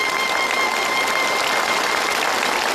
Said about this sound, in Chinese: 这小伙子不容易，我们给他鼓鼓掌吧。